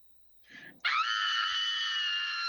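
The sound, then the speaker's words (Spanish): A woman's single loud, sustained scream of fear, recorded and sent in by a listener, high-pitched and piercing, held for nearly two seconds after a brief breathy lead-in, with no talking around it. “Tienes que mandar tu audio con un grito de miedo”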